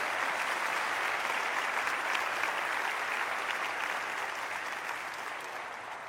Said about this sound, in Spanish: Dale fuerte a tu libertador ese aplauso.